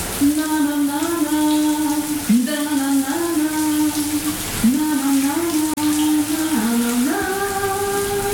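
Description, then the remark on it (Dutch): A shower tap runs warm water with a steady hiss of spraying water, while a woman under the shower sings a sustained melody over it throughout. “De kraan gaat stromen.”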